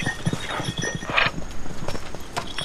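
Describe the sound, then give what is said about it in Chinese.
A donkey's hooves clip-clop at a steady walking pace, each hoofbeat crisp on a hard surface, continuing throughout with no voices. “我一看这头毛驴就知道是你了。”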